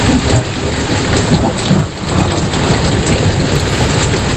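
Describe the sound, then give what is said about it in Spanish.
A thunderstorm with heavy, steady rain hissing densely, a low rumbling undertone beneath the downpour, and no voices throughout. “Hasta mediodía Meteo Galicia tiene encendido aviso amarillo por tormentas que pueden ser localmente fuertes en cualquier punto de Galicia.”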